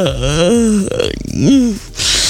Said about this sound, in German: Wenn du jetzt auch gegähnt hast, ist das kein Wunder, denn Gähnen steckt auch an, wenn man es nur hört.